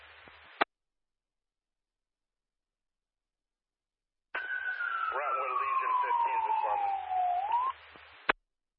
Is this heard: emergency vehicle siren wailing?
yes